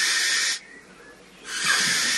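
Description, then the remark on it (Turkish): A barn owl, recorded in England, gives two harsh, breathy hissing screeches, each lasting over half a second with a short quiet gap between them. The screeches are loud, with no other sounds. “Peçeli baykuşu Dominic Garcia Hall İngiltere'de.”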